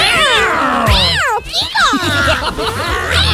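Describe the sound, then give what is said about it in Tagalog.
Several cats yowl and caterwaul loudly and continuously, their drawn-out, rising and falling wails overlapping, with a brief dip in the noise midway before the howling resumes. “Sa bubong ka na lang mag-ikot. Mga pusa? Kasi mga pusa.”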